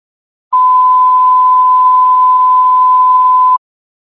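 A single steady, loud electronic tone, a radio dispatch alarm for medic 2, holds at one pitch for about three seconds, then cuts off cleanly, with no voices.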